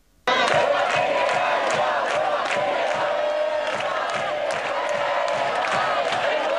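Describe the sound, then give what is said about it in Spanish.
Thousands of protesters, including those camped in Sol, march through central Madrid carrying general strike banners and shouting slogans in unison, a loud, continuous roar with steady rhythmic beats of chanting that begins abruptly and keeps going throughout. “Estos son los gritos que se escuchaban en esas concentraciones y manifestaciones.”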